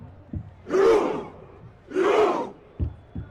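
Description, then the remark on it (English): A large crowd performs Norway's Viking roar chant, the soundtrack of Norway's World Cup campaign: two loud, booming collective shouts about a second apart, with deep drum-like thumps before and after. “Norway's Viking Roar has been a big hit in the United States, the soundtrack for a team enjoying their most successful World Cup campaign.”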